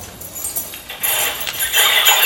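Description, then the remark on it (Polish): A bunch of house keys jingles continuously. The normally inaudible part of the jingling has been shifted down to lower pitches rather than amplified, giving a metallic shimmer that starts softly and grows louder and denser after the first second, with no voices. “Wiecie Państwo wszyscy, jak dzwonią klucze do mieszkania?”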